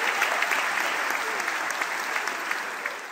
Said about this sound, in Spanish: Muchas gracias, chicos. Fuerte el aplauso. Gracias.